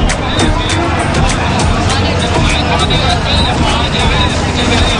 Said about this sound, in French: Au cœur du tumulte de la foule qui se presse dans les commerces, des taxis et tuk-tuk qui se faufilent dans la circulation chaotique, il est presque difficile de lever les yeux.